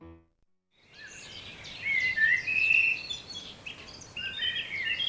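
Birds sing in bursts of bright, high chirps and trills over a steady hiss of background noise, starting after a moment of silence and continuing at moderate volume.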